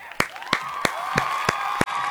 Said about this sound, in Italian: Quindi fate un applauso! No, no, devi mettere il suono, no, sei pieno.